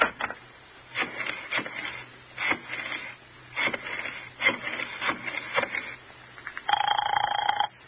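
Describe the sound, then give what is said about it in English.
A telephone is dialed with a run of uneven clicking and whirring bursts, then a short, bright ring tone sounds at the end. No one speaks. “Phone Roger and ask him right out.”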